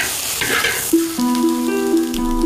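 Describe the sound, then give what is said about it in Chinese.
Small local shrimp, called glutinous rice shrimp, being stir-fried in a wok over a low flame to turn fresh shrimp into dried shrimp, a steady crackling hiss and rustle, with sustained musical tones coming in underneath after the first second. No one speaks. “炒好的虾干软糯适口，越嚼越香。”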